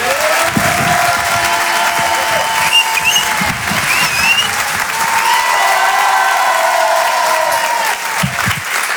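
An audience applauds loudly and steadily for about nine seconds, a dense wash of clapping with scattered cheers and whistles rising over it, easing slightly toward the end.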